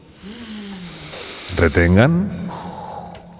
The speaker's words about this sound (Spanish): Tienen que hacer un ejercicio de respiración grupal. ¿Sí? Sigan mi respiración. Inspiren todos ahora.